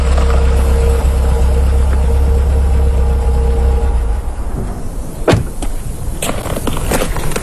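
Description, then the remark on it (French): A car engine idles with a steady low rumble for several seconds, then quiets slightly as a few sharp knocks and clatters sound near the end, as a French diplomat steps out of the car and is greeted by Premier Chou En Lai. No one speaks. “À sa descente de voiture, le diplomate français est accueilli par le Premier ministre Chou En Lai, qui est également le ministre des Affaires étrangères.”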